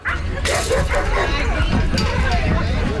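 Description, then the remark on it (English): Several dogs bark and yip repeatedly outdoors at the opening of the Bridgewater Trails Dog Park in South Winnipeg, fairly loud, with a busy background of crowd murmur and occasional whimpering. “Bridgewater Trails Dog Park officially opened this weekend, one of the few parks in the city with both a large dog and small dog area.”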